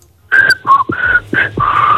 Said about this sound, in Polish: A, wiesz co za melodię, co pani zagwizdała? Nie, nie wiem. No jak nie wiesz? Słuchaj tego jeszcze raz.